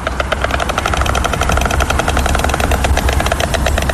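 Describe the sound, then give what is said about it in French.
A white stork clatters its bill in a fast, steady, dry wooden rattle that runs loud and unbroken for about four seconds, with no voices. “Le craquettement des cigognes, on peut encore l'entendre à certains endroits en Ukraine malgré le sifflement et la fureur des missiles.”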